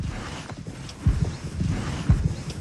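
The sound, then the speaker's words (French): Hooves of a horse named Lune, just brought back from the field for grooming, clip-clop at a slow walk in a series of dull, uneven thuds, with a couple of heavier strikes standing out. No one speaks. “Alors là, Lune, on l'a ramenée du champ, et tu vas pouvoir commencer à faire ce qu'on appelle le pansage, c'est-à-dire établir la relation, donc bon pansage.”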